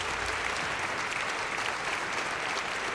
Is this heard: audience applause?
yes